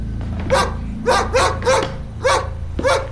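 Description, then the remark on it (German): A dog named Snow White barks six times in a steady, evenly spaced series, each bark sharp and loud, over a low, constant background hum. “Der Hund hatte sich vor die Leiche gesetzt und blickte Redmond an.”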